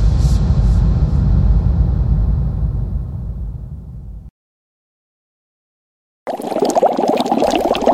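Water rolls and bubbles at a boil in a pot, ready for ravioli to be added, a loud rumbling churn that cuts off abruptly, then after a couple of seconds of silence a brighter bubbling hiss resumes.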